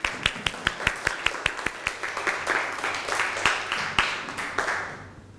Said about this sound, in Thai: เชิญตัวแทนกลุ่มแรกก็คือเป็นกลุ่มสุดท้ายก็คือกลุ่ม6นะฮะได้เป็นคนตอบคำถามตามประเด็นที่ปรากฏครับปรบมือให้กับตัวแทนกลุ่มแรกด้วยครับ